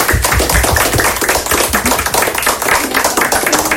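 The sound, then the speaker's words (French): Pupils of the media class at the collège de Bouloir applauding themselves after completing their challenge, a dense, steady patter of many overlapping hand claps sustained loudly for a few seconds with no talking. “Bon, ben, je pense que les élèves, vous pouvez vous applaudir.”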